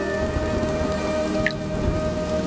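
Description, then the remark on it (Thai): Steady rain pours down in a dense, continuous hiss, with a low rumble of thunder rolling underneath throughout. No voices are heard. “เดี๋ยวโดนฝนก็ไม่สบายกันหมดหรอก ฝนไม่ได้ทำให้เป็นหวัดหรอกลูก”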